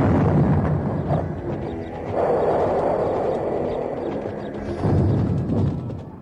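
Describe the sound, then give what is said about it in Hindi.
Cannons fire in heavy, rumbling blasts, with about three loud surges rolling into one another over a continuous low roar. The booms sound powerful, with no voices. “मैं चाहती हूँ तुम्हें तोपे चलाने का भी भरपूर मौका दिया जाए।”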